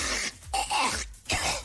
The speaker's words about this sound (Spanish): Creo que está un poquito resfriado, mi compadre. Se quedó sin voz. Ayer le grabaron la tos, creo que estaba feo. Estaba muy mal.